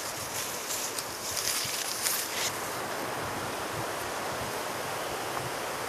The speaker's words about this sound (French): Il y a toujours en toile de fond le bruissement de ce vent.